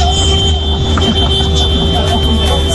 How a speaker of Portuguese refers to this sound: Olha a galera buzinando. Galera chegando aqui na Band FM pra todo o Brasil.